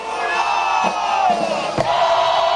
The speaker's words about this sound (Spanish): se presenta la juventud de la Venezuela Azul del componente Armada Bolivariana, que gritan a viva voz su lema: Dios y Patria.